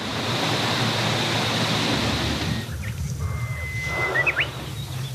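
Strong wind rushes steadily through the leaves of the trees covering a forest in a dense, hissing roar, then eases halfway through, leaving a softer rustle with a few faint bird chirps.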